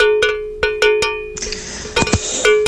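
A small bell rings in quick, uneven strikes, each leaving a bright, sustained metallic tone; midway a hissing, rattling noise joins beneath the continued clanging. No one speaks.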